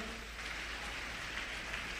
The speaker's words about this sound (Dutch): En u mag de Heer een applaus geven.